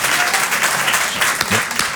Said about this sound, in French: Moi aussi, je m'applaudis, parce que...